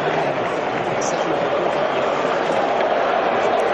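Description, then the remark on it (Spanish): A large stadium crowd in New York applauds after the US national anthems, with Infantino, Donald Trump and Melania Trump among those applauding; a dense, steady wash of clapping and crowd roar that holds at an even, loud level for the full few seconds without a break. “Bueno, ahí aplauden Infantino, Donald Trump, Melania Trump, la cúpula dirigencial estadounidense, la cúpula presidencial.”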